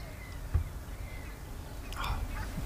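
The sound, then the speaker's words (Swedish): Outdoor ambience at Ottenby in Sweden with scattered bird calls, including a harsh crow-like caw near the end and faint chirps, over a low rumble of wind and background noise. “Kan vi bara få hålla upp micken lite, bara få lite feeling.”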